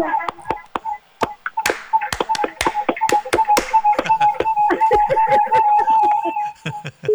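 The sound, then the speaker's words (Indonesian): Sharp hand claps ring out in the patterned, rhythmic sequence of the Pramuka scout clap (tepuk Pramuka), some spaced apart and others in quick bursts, over a faint sustained voice in the background. “Salam pramukanya, tepuk tangannya. Tepuk tangan pramuka.”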